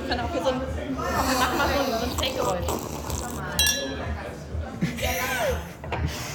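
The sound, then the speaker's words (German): Sparkling wine (Sekt) glasses clink together in a toast at a Sekt tasting, a few bright ringing chimes rising over a steady murmur of people talking and laughing. “Aber jetzt kommt der... Erstmal der Sektverkostung. Ching. Ching, ching.”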